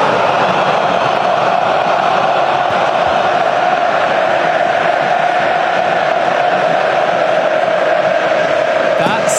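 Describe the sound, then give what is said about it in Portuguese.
A huge football stadium crowd of São Paulo fans chants and sings in unison, a dense, loud, continuous roar of voices filling the whole stretch without pause, echoing across the stadium. “Sensacional, que atmosfera, viu, Marcelo Lima?”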